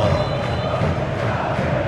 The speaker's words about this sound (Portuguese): Só dá o grito da galera do Mengão.